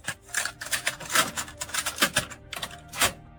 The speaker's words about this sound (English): I think it's a cassette. Because that shut to me.